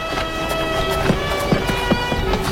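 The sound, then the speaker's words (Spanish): Hooves clip-clop in a steady, even rhythm as a horse moves along at a walking pace over a constant droning background hum. “Ata el caballo.”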